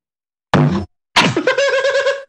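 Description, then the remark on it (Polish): A guitar bumps against a stand twice: first a short hollow thud, then a louder knock that sets the strings ringing in a sustained, harmonic hum before it cuts off. “Nie uderzyłem gitarą o statyw.”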